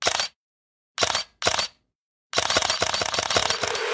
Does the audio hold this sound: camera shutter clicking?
yes